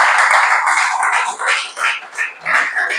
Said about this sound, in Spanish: Yo le daría un aplauso a esta palabra preciosa.